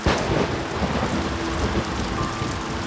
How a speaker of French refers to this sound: Un orage terrible éclate. Un coup de tonnerre fait trembler la cabane.